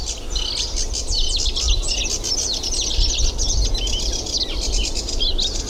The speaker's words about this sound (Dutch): raspende toontjes die je nu hoort, dat is altijd een heel goed kenmerk van een rietzanger. Dat bedoel ik met die matrixprinter die je... Die vroeger die ouderwetse printer op kantoor. Ja, precies. Dat? Dit geluidje. Doet een kleine karakiet nooit.